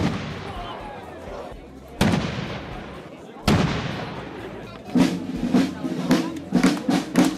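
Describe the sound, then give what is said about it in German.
Three heavy ceremonial cannon blasts boom out about two seconds apart, each rolling away in a long echo, followed by a quicker series of sharp cracks over a murmuring outdoor crowd, opening the 459th Kranzlreiten festival at 2 pm in Weitenswels in the Gurktal valley. “Mit 3 Kanonenschüssen und dem Einzug der Trachtenkapelle Zweinitz ist es ja pünktlich um 14 Uhr losgegangen in Weitenswels beim 459. Kranzlreiten.”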